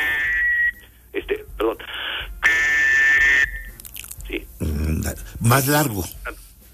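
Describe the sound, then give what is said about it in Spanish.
A series of shrill, breathy distress whistle blasts signaling for help from a three-hole whistle, increasing in intensity: a few short bursts, then a markedly longer, louder one, after which a person starts speaking. “O sea, si no obtienes respuesta, como es un sonido de auxilio, de ayúdenme, de estoy en este aprieto, vas aumentando la intensidad, ¿no?”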